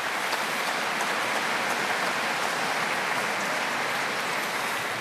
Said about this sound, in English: So thank you sincerely from all of us, and give yourselves a nice round of applause for all that work that you do.